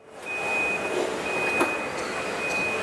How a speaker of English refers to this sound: Inside this Chinese car-making factory, there's barely a human in sight. Robots wheel the car frames along the ground between different stations, where more robots piece the rest of the electric vehicle together.